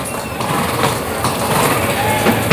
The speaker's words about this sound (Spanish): ¿Cómo resopla el caballo? Del esfuerzo, claro.